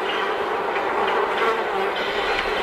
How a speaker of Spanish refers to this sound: ¿Por qué hay tantas moscas? ¿Por qué se oyen moscas? Coño, porque te descargaste el tema del videoclip, ¿no? Del videoclip, efectivamente, ahí quería yo llegar.